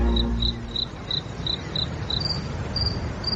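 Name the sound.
crickets chirping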